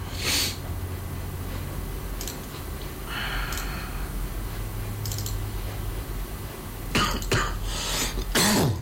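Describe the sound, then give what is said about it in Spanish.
A person with a lingering cough gives a harsh, barking cough once near the start, then a few rough bursts toward the end, over a low steady hum with faint clicks in between. “Y no se me quita la tos de chucho.”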